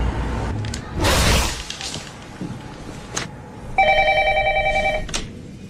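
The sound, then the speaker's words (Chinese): A phone ringback tone sounds once as a young boy is made to call his father, a steady electronic burst lasting just over a second, loud, following a brief noisy rustle and a few sharp clicks. “来吧小公子，给你的爹地打个电话。”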